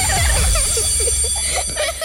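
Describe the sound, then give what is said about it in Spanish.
A school bell rings steadily for about two seconds, its bright, sustained high-pitched tone held at a constant loudness over a low rumble and scattered chirping sounds. “¡Suena la campana!”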